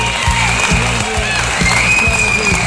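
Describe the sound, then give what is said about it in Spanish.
Steady, dense applause from a crowd fills the whole moment, loud, with a low hum of voices or music running underneath, given for 8:30 in the morning on the radio show La Mosca Mañanera. “Las 8:30, un aplauso para las 8:30 de la mañana.”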